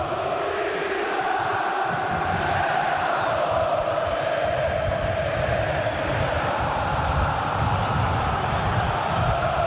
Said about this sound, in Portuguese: Time do Estudiantes em campo, Corinthians também, a torcida aqui da Neoquímica Arena já fazendo um esquenta maravilhoso. A torcida corintiana está muito presente, a Neoquímica Arena pulsa.